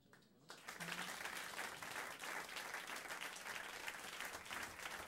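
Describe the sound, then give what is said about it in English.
An audience claps steadily for about five seconds after a brief quiet start, a dense, continuous patter of many hands at fairly loud volume with no talking over it. “Y'all giving me a clap.”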